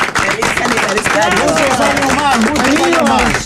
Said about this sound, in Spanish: Las palmas, señores. ¡Feliz aniversario!